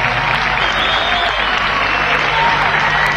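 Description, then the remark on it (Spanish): Steady, dense applause from a crowd fills the whole stretch, a continuous wash of clapping with faint crowd murmur underneath and no pauses. “se escuchan los aplausos.”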